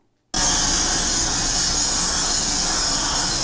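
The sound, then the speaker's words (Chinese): After a brief silence, a loud, harsh grinding of power tools starts abruptly and holds steady as production line workers concentrate on grinding, a dense, shrill, continuous noise filling the space with no voices. “伴随刺耳消息声，产线员工专注打磨”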